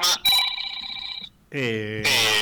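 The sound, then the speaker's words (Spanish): A phone rings with an incoming call: a bright electronic ringtone plays two sustained melodic tones back to back, loud. “No sé qué teléfono es. El mío, le entraba una llamada.”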